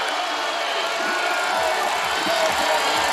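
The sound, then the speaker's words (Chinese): A large home crowd at the Winter Olympics biathlon mixed relay cheers Italy's fourth-leg skier Vittozzi in a steady, continuous roar for about three seconds, with a dense wash of voices and no single clear shout standing out. “而意大利队现在第四棒维托斯也享受着主场观众的欢呼声这样的礼遇，法国队也向他们表示祝福。”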